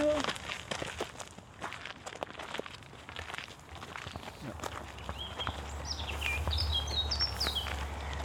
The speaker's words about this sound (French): Écoute, qu'est-ce qu'on entend? T'es quoi? Oiseau. Il y en a combien? Deux.